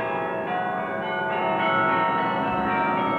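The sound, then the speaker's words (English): Several village bells peal together in a continuous, overlapping wash of ringing tones, fairly loud and steady throughout, with no voices present. “In the village, bells rang as rich and poor alike danced in the streets.”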